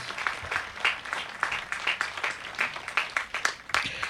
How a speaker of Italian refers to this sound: Io vorrei chiedere di fare un applauso per dire il nostro grazie.